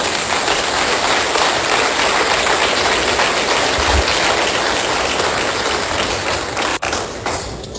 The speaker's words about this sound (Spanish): ¿Soltamos un aplauso por eso?